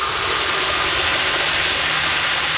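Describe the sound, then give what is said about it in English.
Loud, steady engine noise recorded underwater as noise pollution in dolphins' habitat: a dense, continuous roar with a broad hiss and faint high whistling sweeps drifting over it, and no voices. “Sometimes if I hit a bit with a lot of noise pollution and a lot of engine noise, I have to like take a break and take the headphones off for a bit because it's just a lot.”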